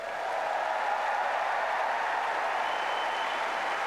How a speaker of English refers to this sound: They get a loud cheer from the crowd, a nice smile on Storm Hunter's face.